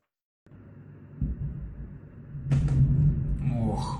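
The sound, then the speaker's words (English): Aftermath of a Ukrainian drone strike on a fuel tank at Moscow's Kapotnia oil refinery, the explosion sending the tank's lid flying: a low, steady rumble with a dull thud, then a sudden loud burst that swells into a heavy roaring rumble, with a faint wavering tone near the end. “This is the moment immediately after a fuel tank at Moscow's Kapotnia refinery was hit by a Ukrainian drone.”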